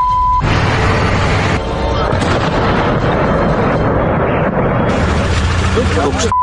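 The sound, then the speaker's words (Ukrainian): A dense, roaring rumble of explosions from an air attack on a city in Russia's deep rear fills the whole stretch, heavy and booming with shifting bursts, framed by a short steady beep at the start and end. “Ну, хіба в 22-му році хтось міг собі уявити, що буквально щодня міста з абсолютно різних куточків неосяжної, і, що важливо, у глибокому тилу, здригатимуться від численних вибухів та повітряних атак?”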